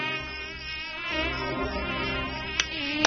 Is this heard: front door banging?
no